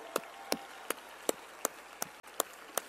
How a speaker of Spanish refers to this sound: Nos reunimos después de conocer las designaciones a las coordinaciones estatales de la transformación y debemos reconocer que han hecho un extraordinario trabajo. ¡Un aplauso!